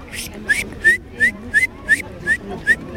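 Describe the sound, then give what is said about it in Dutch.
At a bird-whistling contest at the nature playground in Leiderdorp, a child whistles an imitation of a great tit: a steady series of about nine short, high, rising whistled notes in an even two-part rhythm, with faint background noise. “Ik kon de koolmees heel goed nadoen. Laat maar horen.”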